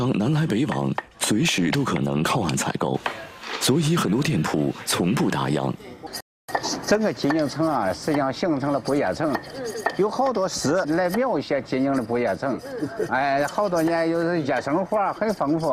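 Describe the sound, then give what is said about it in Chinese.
Sharp, repeated chopping strikes on bamboo at an uneven pace as a craftsman makes bamboo tubes for a hotpot restaurant in an old shop on Zhugan Lane in Jining, Shandong, mixed with people talking over them for most of the stretch. “您这是在干啥呢？ 这是做竹筒，这个火锅店里种的。”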